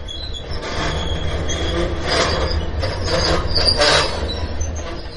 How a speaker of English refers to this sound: But for tonight, the rumble and screech of the steel wheels behind are just a song to fall asleep to.